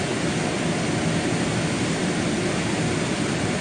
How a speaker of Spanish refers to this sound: la noche y coincidiendo con la llegada del presidente de la Espriella, quien se ha puesto al mando de las operaciones, varios helicópteros sobrevolaron la ciudad.